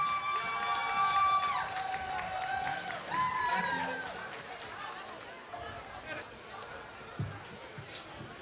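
A crowd at a live music event applauds and cheers for a band, with shouts and whistles rising loudly at first, then settling into a steady wash of clapping and crowd noise that gradually thins out.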